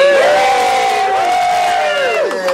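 The cast from the Minerva Club lets out a loud, sustained cheer, with high whoops and shouts held over a couple of seconds before fading slightly at the end.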